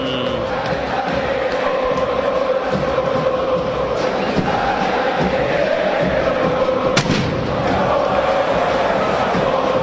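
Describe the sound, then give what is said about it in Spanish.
A huge football stadium crowd roars continuously, chanting and cheering to welcome the River team as the players walk to midfield, with scattered thumps and bangs of fireworks going off amid the din and white and red smoke. “Y en el medio de los fuegos artificiales, del humo de color blanco y rojo, caminan los futbolistas hasta la mitad de la cancha, formando una especie de corazón que termina del costado del círculo central para alinearse de cara al palco oficial”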